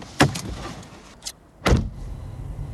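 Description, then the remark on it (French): A car driving through the village of Rosières toward the village of Lunerie, heard from inside as a steady low rumble, with two sharp clunks and a softer knock breaking through. No one speaks. “Là, on traverse le bourg de Rosières et on va se rediriger vers le bourg de Lunerie.”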